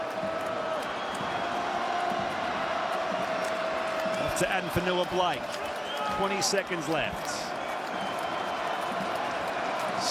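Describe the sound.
A crowd of 17,000, all on their feet at a night finals match between the Sharks and the Cowboys, roars steadily throughout, loud and continuous, while a commentator talks excitedly over the top with a few brief swells in the noise.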